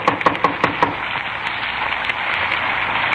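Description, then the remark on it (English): A quick series of about five sharp knocks on the front door of a small redwood house at 3113 Nordhoff Street in the San Fernando Valley, followed by a few fainter scattered taps, all over a steady background hiss of rain. No one speaks. “We parked the car and walked up onto the porch. Frank tried the door.”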